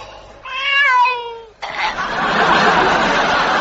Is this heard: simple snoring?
no